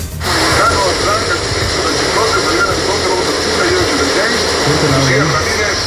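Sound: rushing floodwater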